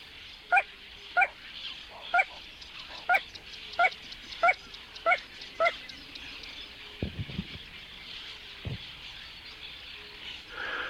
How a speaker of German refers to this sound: Es ist diese sumpfige Melodie, die ganz nah von einem Moorwesen an sein Ohr dringt. Porzana. Porzana Pava, die kleine Ralle. Oder das kleine Sumpfhuhn singt hier.